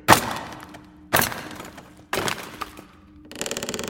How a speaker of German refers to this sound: Kommt, Jungs, helft mir mal. Die Kiste ist verdammt schwer. Mann, ist die schwer. Da hinten ist eine Werkzeugkiste. Mal sehen, ob wir das schwere Ding nicht aufkriegen. Und? Hast du was? Ja, hier ist ein Hammer und ein Meißel.